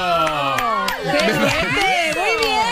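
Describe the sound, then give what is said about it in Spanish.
A crowd of many voices cheers and shouts together, steady and fairly loud throughout, with a few scattered claps standing out from the excited vocal din. “Bravo, aplauso.”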